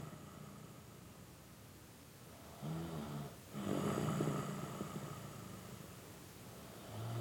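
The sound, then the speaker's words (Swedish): A man snores in deep sleep, slow rough inhalations with rattling low tones repeating a few times, moderately loud over a soft steady background hiss. “… har somnat. Det enda som hörs är hans snarkningar.”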